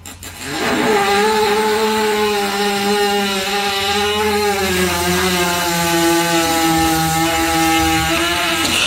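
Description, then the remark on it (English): A horse lying on its side passes a long, loud fart as a trainer pushes on its stomach, a steady rasping buzz that drones on for nearly nine seconds with a slowly wavering pitch, with no talking over it. “I was scrolling, and there was a horse laying on its side, and this woman, the trainer, was pushing on the stomach.”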